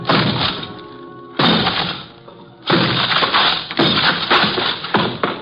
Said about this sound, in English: Four smashes and three torn ligaments later, the thin door collapsed over the desk, blocking it.